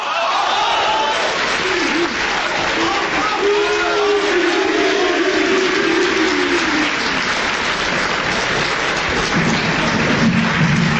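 Loud, sustained applause from a large audience welcoming a performer at a Chinese taiping ci (quyi) performance, dense clapping with a few voices and cheers rising out of the crowd noise.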